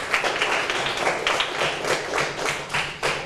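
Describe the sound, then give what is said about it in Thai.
A small group of students claps steadily in a classroom for a classmate, a dense, crisp patter of many hands with no voices, holding an even, moderate loudness for about three seconds. “ขอบคุณมากปรบมือให้เพื่อนด้วยครับ”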